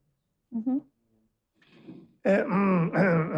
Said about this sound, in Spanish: Después de este momento de carraspeo maravilloso...